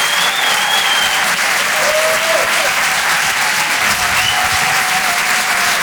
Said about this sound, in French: On peut l'applaudir très très fort, s'il vous plaît. Merci beaucoup.